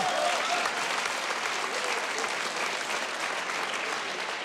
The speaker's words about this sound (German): Das ist ein Applaus. Dankeschön, dass du da warst. Danke.